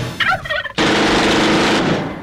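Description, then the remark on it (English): A turkey gobbles in a quick warbling burst, then is abruptly cut off by a sudden loud, noisy blast like a gunshot that rumbles on for over a second. No talking. “Kill your own bird.”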